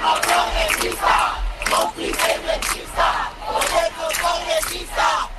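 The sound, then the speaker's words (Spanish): A crowd of protesters at rallies across Spain chants a slogan in unison, loud rhythmic shouted phrases repeating roughly every second with brief dips between, continuous voices filling the whole stretch. “concentraciones que han recorrido España en las últimas horas se ha escuchado este grito.”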